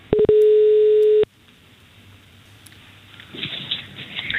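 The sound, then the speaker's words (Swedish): A telephone ringing tone while placing a call to a hairdresser: one loud, steady electronic beep lasting about a second, followed by quiet line hiss with faint rustling, and no voices. “Vi ska ringa Stefan Storm.”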